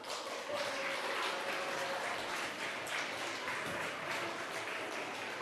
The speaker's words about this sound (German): So, einen herzlichen Applaus.